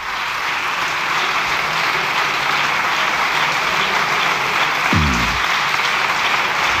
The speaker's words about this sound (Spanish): Largo aplauso, ¿eh?